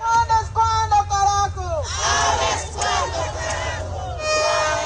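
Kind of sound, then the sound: crowd, crowd of protesters shouting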